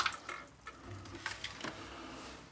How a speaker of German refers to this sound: Eimer drunter und Hand anlegen. Dann verlöst man die Verschraubungen. Achtung, da muss man das Wasser nur ausleeren.